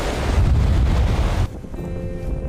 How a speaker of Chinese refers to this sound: 哎，可以看见我脚下的这个鹅卵石滩就连接着身后的灵山哈。当然这条小路现在已经被两侧的海浪给掩盖住了哈，白白的浪花让大海变得特别温柔。